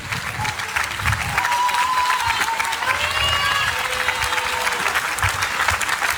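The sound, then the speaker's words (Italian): A crowd applauds steadily throughout, a dense wash of clapping with a few whistles rising above it and scattered cheers mixed in, as the audience applauds the band invited to the front. “Ragazzi, venì davanti e ci offrivi un applauso come che se devi.”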